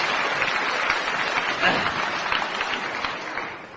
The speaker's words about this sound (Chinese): 来吧，掌声这么热烈，你肯定唱的错不了。